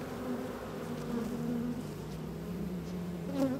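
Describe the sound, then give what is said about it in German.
A dense, continuous drone of many honeybees buzzing around an opened hive of a nucleus colony (split), with a little smoke applied from above, a steady hum that swells slightly now and then, with no voices present. “Das ist der Ableger und die sind irgendwie ein bisschen wilder als die anderen.”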